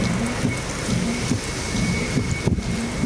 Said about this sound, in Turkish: ABD'de ise fırtına ve yoğun yağışla sel felaketi hayatı durma noktasına getirdi.